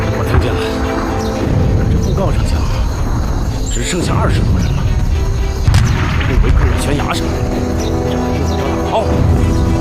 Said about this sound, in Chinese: 哥，你听，炮声！ 我听见了。